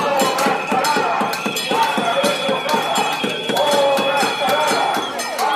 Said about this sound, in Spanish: los vecinos afectados por la paralización de las obras expresaban este mediodía su malestar con una sonora cacerolada frente a la Casa Consistorial Arandina, en la que se pedía la dimisión del alcalde.